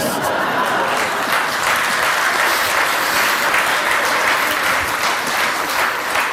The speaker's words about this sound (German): Da haben die Männer jetzt aber lauter geklatscht, die haben es genau gehört.